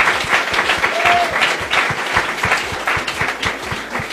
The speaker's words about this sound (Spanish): aplauso para la maestra.